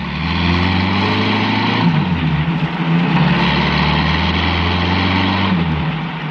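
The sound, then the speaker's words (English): A heavy truck engine roars steadily at speed, loud, its low drone dipping and rising again as it shifts gears, as the truck turns onto the main highway and tears along at 70. “The truck rode down Burr Street, switched off to the main highway, and tore along doing 70.”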